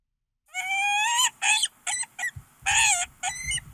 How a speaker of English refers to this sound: You want to hear what a peregrine falcon sounds like?